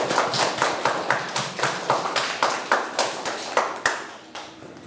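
students clapping

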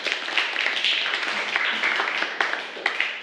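group applause

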